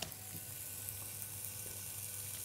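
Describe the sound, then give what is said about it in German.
Steady crackling sizzle of oil in a hot frying pan, continuous with a low hum underneath, no voices. “Die ist an, du kannst aber einen Tropfen Öl drin machen.”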